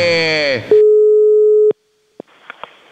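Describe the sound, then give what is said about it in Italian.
A voice trails off into a steady, mid-pitched telephone tone that holds for about a second, then cuts off with a click, followed by silence, another click and faint line noise, as TV host Amadeus picks up the phone to call another contestant on a live TV show. “Quindi alziamo il telefono e chiamiamo un altro concorrente.”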